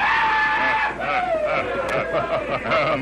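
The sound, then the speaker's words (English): A rodeo rider's loud, drawn-out yell rings out over the steady roar and chatter of a large rodeo crowd in the afternoon, the pitch sliding slowly downward as it carries on. “Time after time, they heard a familiar yell.”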